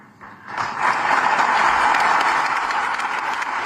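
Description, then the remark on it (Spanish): Sustained applause from a large audience, an ovation for King Felipe VI's speech affirming that Ceuta is Spanish, at his meeting with representatives of Ceuta's civil society, swelling in quickly after a brief quiet start and holding steady and dense throughout, a continuous wash of many hands clapping. “Ovación cerrada para la reivindicación rotunda de la españolidad de Ceuta.”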